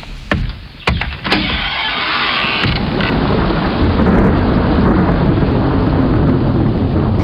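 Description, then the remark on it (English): Deep, rumbling thunder rolls through heavy roaring wind and rain as a tornado approaches, with a few sharp cracks early on before a steady, loud storm roar fills the rest. “A tornado? Haven't had one of those in a while.”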